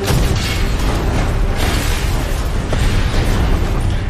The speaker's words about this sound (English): The impact is catastrophic. When this depth charge goes off, it's a massive explosion. Anyone not holding on to something is going to be knocked to the ground.